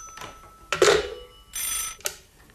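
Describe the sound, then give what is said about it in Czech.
An old-style telephone bell, a second telephone, rings in two bright, rattling bursts separated by a short pause, clear, with no one talking over it. “Já musím končit, děvče, zvoní nám tu druhý telefon.”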